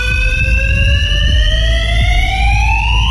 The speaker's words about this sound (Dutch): Wekenlang. Een brandalarm, zoals je hoort. Gemeente zegt tegen Omroep Flevoland dat het komt door hangjongeren die drinken in die garage, luisteren daar naar harde muziek.